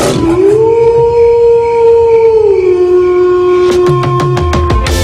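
A wolf lets out one long, loud howl that rises at the start and then holds a steady pitch, while a quick run of sharp, clipped bursts breaks in near the end.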